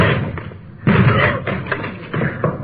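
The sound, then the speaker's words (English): A locked door is hit hard several times in quick, uneven succession, each blow a loud, heavy thud with a rattling crash, as though it is being forced open. “Door's locked. Let's hit”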